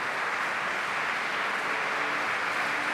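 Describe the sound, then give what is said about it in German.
Steady, dense applause from the audience in the Neubrandenburg Konzertkirche at the Festspiele Mecklenburg-Vorpommern, for festival director Ursula Haselböck after she greeted them; a continuous crackling wash of many hands clapping at an even level throughout, with no voices. “Wir hören jetzt im Saal gerade den Applaus für Ursula Haselböck, die Intendantin der Festspiele Mecklenburg-Vorpommern, die das Publikum in der Neubrandenburger Konzertkirche begrüßt hat.”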